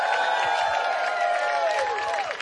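A crowd at the Radio 1 Parkfest applauds and cheers steadily as a performer is called up on stage, with dense clapping under sustained whoops and shouted voices, fairly loud, easing off slightly at the very end.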